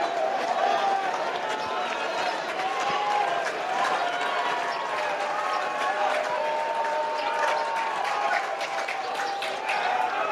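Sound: baseball crowd cheering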